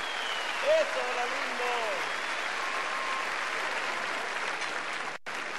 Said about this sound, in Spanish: Gracias por su aplauso.